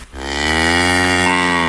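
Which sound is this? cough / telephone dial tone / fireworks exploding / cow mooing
cow mooing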